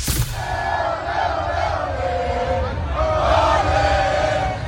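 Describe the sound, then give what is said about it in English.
A large crowd of Cape Verde football fans roars and chants together, celebrating their team's draw against Spain, with sustained loud massed voices, rising sung tones and a rumbling low undercurrent throughout. “But it is the Cape Verde fans celebrating after their draw over Spain.”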